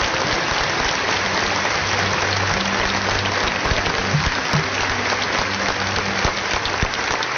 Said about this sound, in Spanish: El aplauso al Señor que retira.